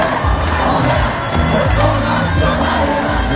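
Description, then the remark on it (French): A large protest march crowd of students, high schoolers, young people and unions, setting off toward Place Masséna, chants slogans in unison, many voices rising and falling in a rhythmic, loud roar with shouts mixed in, sustained throughout. “Ça y est, le cortège est parti, direction la place Masséna. Les slogans, les cris, les chants se mettent petit à petit en place.”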